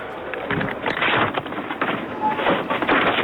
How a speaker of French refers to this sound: Moi, je veux entendre dans le supermarché, je veux l'ambiance.